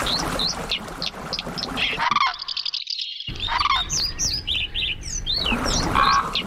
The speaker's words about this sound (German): Das sind sie, die Kandidaten für den Vogel des Jahres 2027.